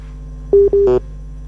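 Two short, steady telephone line beeps as a call from a caller in Pare-Pare drops, sounding clearly over a faint low hum, with no one speaking.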